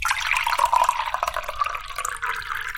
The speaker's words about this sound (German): Das Gipspulver wird in der nächsten Maschine mit Wasser vermischt und dann in Formen geschüttet.